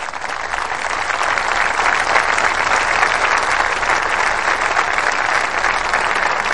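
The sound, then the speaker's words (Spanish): A large audience, moved by a personal testimony, applauds steadily, a dense, sustained wash of clapping that stays loud and even throughout, with no voices standing out above it. “Aquí escuchamos los aplausos del público emocionado por ese testimonio.”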